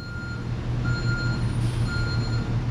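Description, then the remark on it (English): A garbage truck reversing at a landfill sounds its beeps at a steady, evenly spaced rhythm over the constant low rumble of its diesel engine, loud, with no one speaking. “Along it were trucks driving up to the top to dump their trash.”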